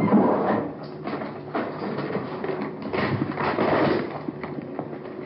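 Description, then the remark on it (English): Crinkling, rustling wrapping being pulled open as evidence, a cigarette with marijuana inside, is unwrapped during a suspect interview; a busy irregular stream of crackles and tearing scrapes lasting several seconds over a faint steady hum, with no voices. “Unwrapping the evidence.”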